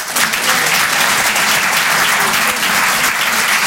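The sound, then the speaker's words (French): A stand-up comedy audience claps to show who found a joke funny, a steady, dense, loud wash of clapping hands filling the whole stretch with no pauses and no one speaking over it. “Par applaudissement, qui trouve ça marrant ?”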